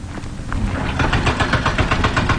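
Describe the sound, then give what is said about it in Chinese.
Large construction machinery works at the Weixin to Yiliang expressway construction site in a mountainous area. A deep, steady engine rumble is overlaid by a fast, regular rhythmic clatter that pulses several times a second, loud and continuous without any voices. “在威信到宜良高速公路建设现场，大型机械正在施工。”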